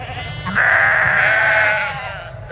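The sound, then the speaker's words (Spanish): A sheep from a flock on a dehesa near Casar de Cáceres, in Extremadura, lets out one long, wavering bleat, loud and drawn out for over a second, with a low outdoor rumble and faint flock sounds underneath, on the day of a transhumance route. “Estamos junto a un rebaño de ovejas en los alrededores de Casar de Cáceres, en Extremadura.”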